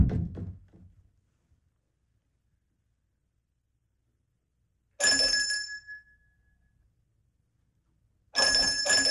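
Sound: doorbell ringing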